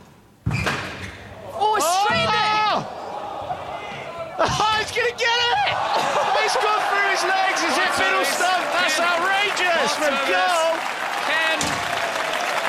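A squash crowd bursts into loud, sustained applause and excited cheering after Paul Cole's diving shot against Ali Farag, with shouts and whistles rising over the clapping; a few sharp thuds ring out at the start before the ovation swells and holds.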